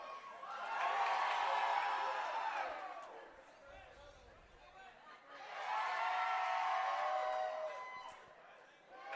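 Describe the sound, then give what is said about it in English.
A baseball stadium crowd at a game between the Black Bears and Team Mexico cheers and roars in two loud swells as Cooper gets the crowd up. Each swell rises for a few seconds and then eases back to a murmur of many voices. “Is that one in there for strike number one, as Cooper's getting the crowd up and into it?”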